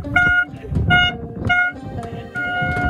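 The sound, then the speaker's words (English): A loud boat horn on a flotilla boat sailing to Gaza sounds in a series of four blasts, short toots followed by a longer held one, each a steady bright tone over low rumbling and background voices. “The day we left, I was jumping on the boat, chanting, and I kept, you know, doing the very loud horn all the time.”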